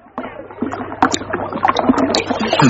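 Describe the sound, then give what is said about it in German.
Water sloshes and knocks against a small fishing rowing boat as it pushes off to go fishing, with wooden creaks and splashes, while faint voices murmur underneath. “ist das Boot klar? Wir fahren los.”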